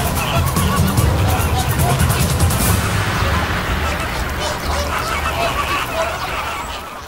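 A large flock of flamingos calls all at once as it rises into the air, a dense, steady clamor of overlapping honks that stays loud throughout and fades slightly toward the end.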